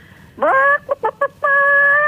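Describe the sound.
A radio caller imitates a chicken (chook), with a drawn-out squawk, three quick clucks, then a long sustained bawk. The voice is loud, with no other talking.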